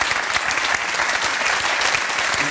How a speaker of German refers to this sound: aber da haben Sie ja noch einen Applaus.